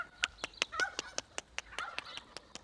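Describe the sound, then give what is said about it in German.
Turkeys calling as Christine fetches them: a steady run of short, sharp clucks and yelps, about a dozen in quick succession, with a few higher chirping notes mixed in. Fairly quiet, with no one talking. “Christine holt die Puten.”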